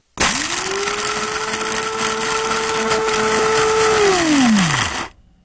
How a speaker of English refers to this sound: The familiar sound of the Coast Coffee Grinder signals it's just past 10 o'clock on a Monday and time for the Coast Coffee Break